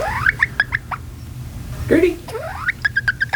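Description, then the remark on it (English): Gertie, a pet bantam hen with pumpkin-colored feathers outlined in black, living in a converted dog crate in a living room, makes a rapid series of small, high peeping chirps, some sliding upward, over a low steady background rumble. “She makes these little peeping sounds.”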